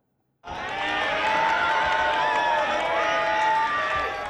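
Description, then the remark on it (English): A dense crowd of supporters cheers and shouts to greet Thailand's former Prime Minister Thaksin Shinawatra on his release from prison on parole, many voices overlapping in a loud, steady roar that bursts in suddenly and holds at full strength throughout. “His family and crowds of supporters were on hand to greet him.”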